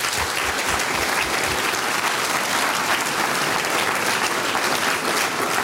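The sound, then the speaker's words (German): Sustained applause from an audience in Gampern, Upper Austria, at a live Radio Oberösterreich Frühschoppen, a dense steady wash of many hands clapping at even loudness throughout, with no voices breaking through. “Applaus für euch von meiner Seite.”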